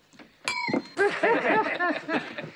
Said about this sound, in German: Wollen Sie bitte für mich ans Glas klopfen?